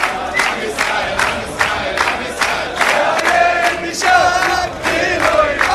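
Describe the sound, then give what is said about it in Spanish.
A large crowd shouts and cheers loudly and continuously, chanting calls to erase and raze Palestine, voices rising in rhythmic bursts roughly twice a second, with a dense roar filling the space throughout. “¿Y sabés qué le gritan? Hay que borrar, arrasar con Palestina.”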